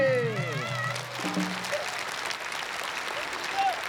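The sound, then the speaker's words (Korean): A crowd claps steadily, a dense wash of applause that carries through the whole stretch, with a voice speaking briefly over it at the start. “생각보단 박수가 많이 서운하게 나오네요.”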